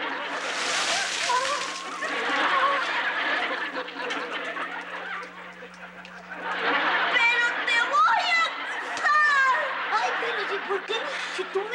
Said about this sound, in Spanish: ¿Aguas, Popi? Pues yo te eché agua.